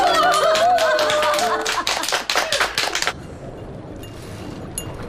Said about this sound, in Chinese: 此处有掌声。